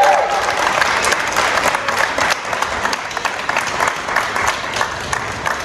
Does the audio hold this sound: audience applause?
yes